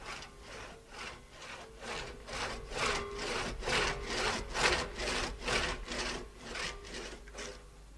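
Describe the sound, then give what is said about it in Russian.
A handsaw rasps steadily through the wood of a wounded tree in a regular back-and-forth rhythm of about two strokes per second, each stroke a bright, gritty scrape, continuing without pause and with no voices. “Семен пилил и утешал себя, уговаривал, дескать, зачем раненому дереву истекать соками и медленно гибнуть.”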